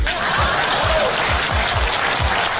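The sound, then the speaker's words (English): A dense, steady wash of applause from a crowd, loud and continuous throughout, with a low rhythmic thumping beating underneath roughly twice a second. “Please clap.”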